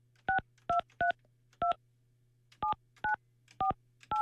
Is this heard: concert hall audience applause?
no